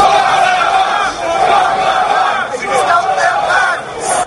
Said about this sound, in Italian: Un coro di voci che urla «Send them back», rimandateli indietro. Questa era la scena sabato pomeriggio a Portsmouth, una città sulla costa sud dell'Inghilterra